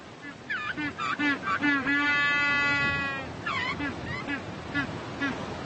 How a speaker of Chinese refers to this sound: 虽然我们也没见过它们，但人类都管我们叫驴子、企鹅。叫的是不是很像？